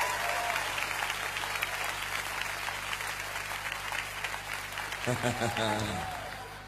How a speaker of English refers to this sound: Hallelujah. Give the Lord another hand clap. Amen.